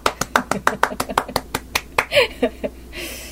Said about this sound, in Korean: 오랜만에 박수 치니까 또 기분이 좋네요. 네, 일주일에 요즘엔 한 번만 들을 수 있는 박수 소리예요.